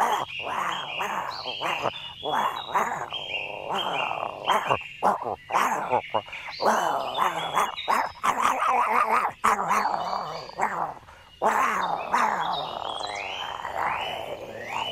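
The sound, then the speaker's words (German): A man, the village beadle hiding in a fire-engine house, clumsily imitates a bantam rooster's call, producing a long run of strained, wavering, crow-like squawks and yelps with short breaks between bursts. “der Gemeindediener, hatte sich in dem Spritzenhaus versteckt und versuchte eher schlecht als recht, den Brumpfschrei eines Zwerghahnes nachzuahmen.”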